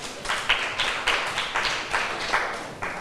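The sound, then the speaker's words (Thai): A group of students clapping for themselves in class in a steady, fairly quick rhythm, the bright claps overlapping into a continuous patter of applause with regular stronger beats and no voices. “ถูกต้องค่ะเก่งมากๆเลยปรบมือให้ตัวเองหน่อยค่ะ”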